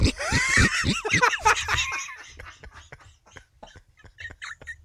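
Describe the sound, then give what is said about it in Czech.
A person imitates a pig, starting with loud squealing, snorting bursts and trailing off into a long run of short, quick grunts that grow fainter, with laughter-like breaths mixed in. “Já si říkám, stydím úplně chrochtat.”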